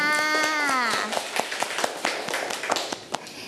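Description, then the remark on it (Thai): Children in a class lesson clap their hands for two classmates in a loose, uneven burst of sharp claps for about two and a half seconds, right after a voice holds a drawn-out, sung-like tone. “เก่งมากค่ะอ่ะเด็กๆปรบมือทั้งสองคนค่ะ”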